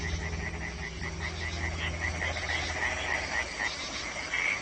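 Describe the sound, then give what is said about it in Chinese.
A dense chorus of many European tree frogs croaking in rapid, overlapping pulses as a spring mating chorus at night, loud and steady throughout with a low background rumble and no voices. “他们先是组建了一支小夜曲合唱队，歌声此起彼伏，整个夜空都回荡着他们热情洋溢。”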